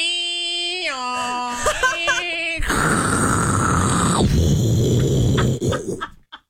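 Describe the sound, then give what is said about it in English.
A voice mimics a dial-up modem connecting: a run of stepped, whistly beeping tones, then a loud sustained screeching hiss that crackles and sputters out. “Do old dial up.”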